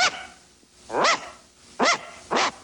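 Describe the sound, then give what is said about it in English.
A dog stands next to a barn on rural farmland at night, barking into the night sky in a loose rhythm, three or four sharp barks with short pauses between them, against a quiet, still background with no voices. “Next to a barn, the silhouette of a dog stands barking into the night sky.”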